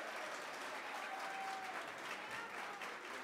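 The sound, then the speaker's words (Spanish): Sustained audience applause in La Paz in farewell to a band, a dense, even wash of many hands clapping that holds steady throughout without pauses or voices standing out. “Despidamos con un fuerte, fuerte y caluroso aplauso al grupo ….”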